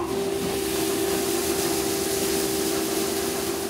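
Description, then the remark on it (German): A grain cleaning machine on a farm runs steadily, sieving out husks and small grains so only good grains go into bread flour, giving a constant loud mechanical drone with a sustained low hum and a broad hissing rush, unchanging throughout with no voices. “Und jetzt würde ich sagen, jetzt lässt du die Maschine einfach mal laufen, oder?”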